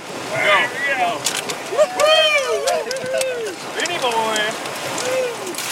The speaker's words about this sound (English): After lunch, the crews paddled through the last of the rapids.